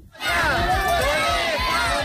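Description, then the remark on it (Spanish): A large crowd of parents of more than 200 children shouts a protest chant in unison in Dueñas on the first day of the school year, many overlapping voices loud, the chanting rising quickly and holding steady for about two seconds. “Este ha sido el grito más escuchado en Dueñas por parte de los padres de más de 200 niños que este primer día de curso no han ido a clase y han colgado sus mochilas como modo de protesta”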